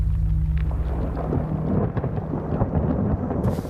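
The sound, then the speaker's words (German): A deep, continuous roar of an avalanche thundering down the flanks of a snow-covered mountain massif, loud and heavy with crackling texture throughout, sustained without pause and no voices. “Er brüllt im Takt der Lawinen, die jede halbe Stunde mit ohrenbetäubenden Donnern die Flanken hinunterstürzen.”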